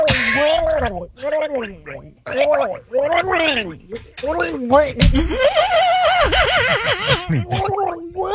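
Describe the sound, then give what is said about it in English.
A person gargles a mouthful of coffee with wobbling, warbling vocal tones, imitating shark mating noises, breaking into bubbly, choked laughter partway through; fairly loud. “This one needs to be added to the laugh track because it's you with a mouthful of coffee. Gargling. Trying to do shark mating, and then you make yourself laugh.”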